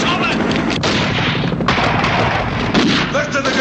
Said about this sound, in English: The men in the helicopters shoot into the building. Blofeld and Tracy stay low. The helicopter gunfire continues as guards hurry around the perimeter.